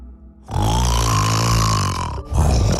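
human snoring

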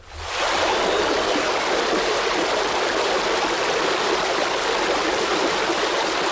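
river water flowing

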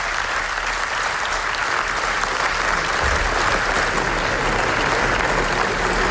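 long applause

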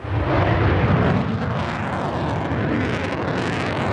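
fighter jet flying overhead

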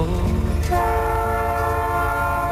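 train passing with horn

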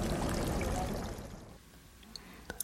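fountain water splashing

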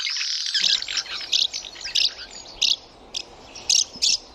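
house martin calls

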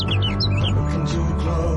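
sparrows chirping

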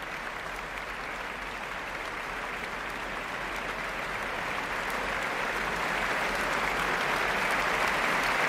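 concert audience applause

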